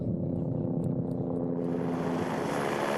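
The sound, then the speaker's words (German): Steady, droning engine noise of a helicopter in flight carrying Kami, a dog training as an avalanche dog, a constant low hum with humming tones that grows hissier and brighter halfway through. No one speaks. “Und im Heli drin war es eigentlich normal wie in einem Auto.”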